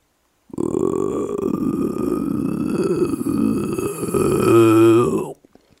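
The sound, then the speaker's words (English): A very big, fat bullfrog's loud, sustained croak: a deep, rough, guttural drone lasting nearly five seconds, turning into a pulsing, throaty throb just before it stops abruptly. No one speaks. “As we examined it further, we heard a loud, sustained croak.”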